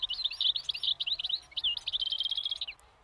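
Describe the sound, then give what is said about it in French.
A bird in a tree chirps continuously in quick, twittering bursts, clear, with a faint low rumble of background noise and no voices. “Oh, est-ce que c'est pas un oiseau, ça? Si. Tu vas l'attraper? Si. Waouh, tu l'as attrapé dans l'arbre. Et il fait si bruit là.”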